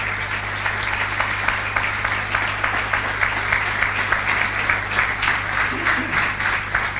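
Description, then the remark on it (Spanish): Steady, dense applause from a crowd giving a big round of applause to the Lord, a continuous wash of many hands clapping at a fairly loud, even level for several seconds, with no one speaking over it. “Denle un aplauso grande al Señor.”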